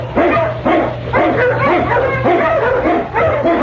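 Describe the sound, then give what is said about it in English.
Eskimo sled dogs led by the lead dog King bark and yip in a rapid, steady run of loud barks, almost without pause, over a low constant hum, as they blaze the trail through storm and snow in the Yukon. No one speaks. “The Wonder Dog King, swiftest and strongest of Eskimo lead dogs, blazes the trail through storm and snow for Sergeant Preston as he meets the challenge of the Yukon.”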